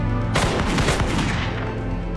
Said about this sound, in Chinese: 随着田伯涛的口令，一排枪声响起